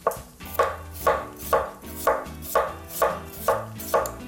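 A knife chops potatoes steadily on a cutting board, about nine crisp, even strokes at a regular rhythm, each a sharp thud with a bright edge, no voices present.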